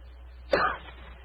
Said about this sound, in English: After a moment, he gave what he thought was a discreet cough.